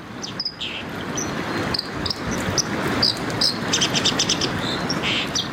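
A white-throated dipper sings in rapid, high scratchy trills and sharp chirps over a steady rushing background like flowing water, fairly clear, with no voices.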